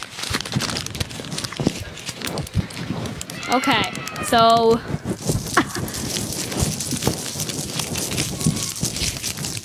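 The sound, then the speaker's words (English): Paper being ripped for an ASMR segment, tearing and crinkling in a steady rustling stream, with a brief high whinny-like squeal in the middle and a short spoken word near the start. “who else is going to do some ripping of the paper?”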